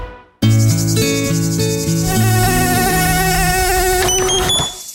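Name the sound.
mosquito buzzing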